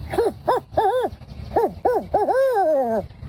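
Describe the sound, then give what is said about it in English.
A voice imitates a barred owl, giving a rhythmic series of rising-and-falling hoots that ends in a long, drawn-out descending call, clear with no talking. “First, we get the barred owl.”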